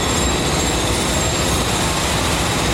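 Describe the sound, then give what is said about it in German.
Construction site noise on the Jungfernstieg in Hamburg: a loud, steady mechanical roar with grinding and rumbling textures that holds constant for the whole moment, with no voices and no distinct separate impacts. “Baulärm bestimmt die Geräuschkulisse am Jungfernstieg.”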